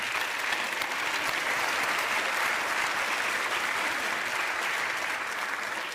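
Steady audience applause fills the whole stretch, a dense, even crackle of many hands clapping at a constant moderate level with no voices standing out.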